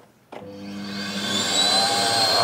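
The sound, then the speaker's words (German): A vacuum cleaner that has just been fitted with a new plug switches on for a test after a brief quiet moment, its motor whine rising in pitch and loudness as it spins up to a steady, humming roar. “es brummt, nicht nur das kaputte Radio vom Yannick brummt, sondern auch der Staubsauger”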